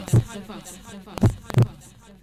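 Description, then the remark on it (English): Deep, booming heartbeat thumps in a Lagos FM radio station jingle: a single beat followed a second later by a quick double beat, loud over a faint musical hum. “This is Lagos FM, the heartbeat of the Vaf.”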